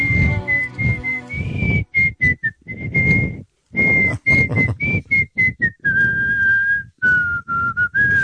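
A person in Switzerland whistles a song melody alone for the music-guessing game Qual é a Música, with clear sustained notes and short phrases broken by brief pauses, moderately loud, with some breathy noise and faint background.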